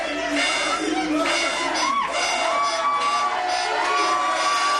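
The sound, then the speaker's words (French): A large crowd of happy football supporters after a match against Portugal cheers and shouts continuously, with excited whoops and high voices rising above a steady, loud roar throughout. “Et des supporters simplement heureux.”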